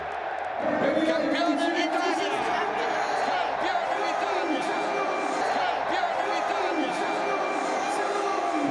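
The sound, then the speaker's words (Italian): A huge crowd of Inter football fans roars and chants continuously at the team's title victory parade from the Meazza to Piazza del Duomo, their voices swelling in loud, rhythmic waves, a dense mass of supporters celebrating outdoors with no single voice standing out. “Un bagno di folla anche per lui, Lautaro Martinez, di Toro di Bahia.”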